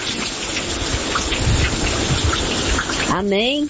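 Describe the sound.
Steady rain falls in Natal, raining continuously since Thursday, in a continuous, dense hiss that stays even throughout, with a brief rising, voice-like call breaking in just at the end.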